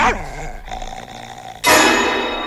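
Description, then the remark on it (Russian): Jack, Fearenside's dog, growls low and steadily at a stranger for over a second, then erupts into a sudden loud, harsh bark. No one speaks. “Но, не рычи, не рычи.”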